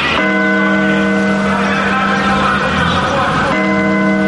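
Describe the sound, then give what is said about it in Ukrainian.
A loud clock bell strikes noon on a Sunday in Cherkasy, Ukraine, with a rich, sustained tone, its ringing harmonics overlapping; a fresh strike lands near the end, sounding like a large tower bell outdoors. “Неділя, 12-та на годиннику.”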